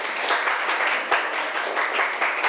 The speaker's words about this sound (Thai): ถูกกันทุกกลุ่มเลยใช่ไหมเอ่ยเก่งมากๆปรบมือให้ตัวเองอีกหนึ่งครั้ง